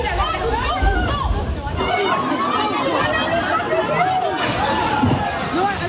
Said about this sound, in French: À l'ouverture, prévue à 8 heures, les portes se sont littéralement effondrées sous la pression de la foule. Des jeunes, des parents, des personnes âgées, tout le monde se rue à l'intérieur. Dans le Lidl d'Aubervilliers, en Seine-Saint-Denis.